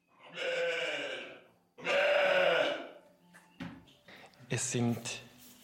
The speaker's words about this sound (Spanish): Son ovejas de lana de la raza nariz negra de Valais